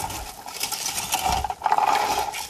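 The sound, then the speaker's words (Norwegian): Blueberries rattle and patter into a berry picker in a steady, dense stream of small clicks and light knocks, with brief swells of louder rustling. “Åh, er det blåvær som rasler ned i plukkeren?”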